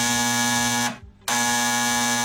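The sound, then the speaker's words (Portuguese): A telephone rings with a loud, buzzy electronic tone in two bursts broken by a short silent gap, steady and harmonic-rich, with no voices. “O telefone tocou.”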